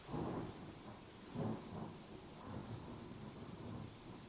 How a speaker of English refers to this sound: Thunder. Lightning. That's amazing.